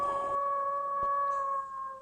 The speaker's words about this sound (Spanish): El lobo. El lobo también. Claro, y cuando cae la noche aparece el lobo.